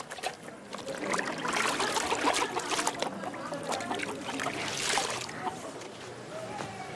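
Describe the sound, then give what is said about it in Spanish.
Wet laundry is lifted out of the water to dry, with continuous splashing and trickling as it drips back into the basin, steady for several seconds before easing slightly toward the end. “Saca ya la ropa del agua para que se seque antes de la noche.”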